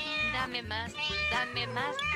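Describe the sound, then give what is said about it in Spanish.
A cat meows over and over, several drawn-out, wavering meows in quick succession, loud, with a low steady hum underneath. “Mientras tanto, en la universidad muy prestigiosa de un lugar muy prestigioso, los científicos de Kennel intentan adaptar el desladrador a los gatos.”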